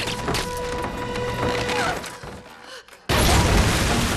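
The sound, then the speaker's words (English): A grenade, its pin pulled and shoved into a man's jacket, explodes suddenly as a loud, broad roar after a brief lull, following a busy stretch of clattering noise with steady tones underneath. “The grenade explodes and she drops to the floor.”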